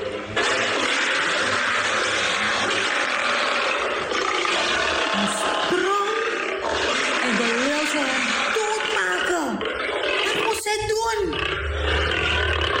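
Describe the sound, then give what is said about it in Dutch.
A lion roars and growls loudly, a rough, rumbling roar that rises and falls in long swells and fills the whole recording without pause. “Vandaag kwam een leeuw brullend op hem af.”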